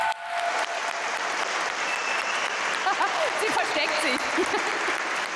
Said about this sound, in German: Einen Riesenapplaus für dich.